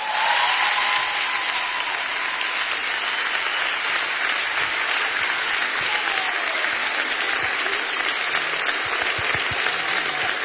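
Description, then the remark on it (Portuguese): An audience at a concert applauds steadily for about ten seconds for a man invited onto the stage, a dense, even wash of many hands clapping at a constant loudness with no break and no one speaking. “Faz favor de aplaudir este homem, faz favor.”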